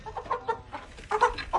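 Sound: chickens clucking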